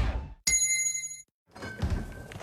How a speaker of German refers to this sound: Und jetzt wieder Trinkpause. Der Gong. Hydration Break.